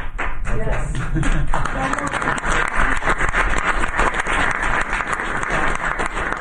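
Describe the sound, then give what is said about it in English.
Members of the press burst into sustained, loud applause after Trump declares it Columbus Day, with a voice briefly audible at the start before dense clapping fills the rest of the moment. “That was the press that broke out in applause.”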